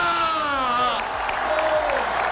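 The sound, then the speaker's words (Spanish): A large crowd of Deportivo football fans in the Plaza de María Pita shouts and cheers together as they welcome the players, a loud, dense roar of many voices with a drawn-out chanted note, continuing steadily for a couple of seconds. “Deportivistas, gritar conmigo: ¡estamos de vuelta!”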